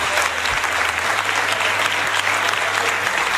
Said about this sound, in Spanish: Pues con ese aplauso de la Cámara se daba ya por anunciado que Juan Manuel Moreno revalidaba su puesto al frente de la Junta de Andalucía por 4 años más